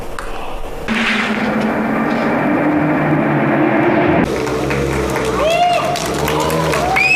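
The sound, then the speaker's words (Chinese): Race car engines roar loudly and continuously over a broad wash of crowd noise at the 2026 Beijing Yizhuang GT World Challenge by Tongming Lake in Yizhuang, Beijing, China, with several high, sweeping revs rising and falling near the end as cars pass. “今天下午，随着引擎轰鸣，在北京亦庄通明湖畔渐渐平息，2026北京亦庄 GT 世界挑战赛圆满落下帷幕。”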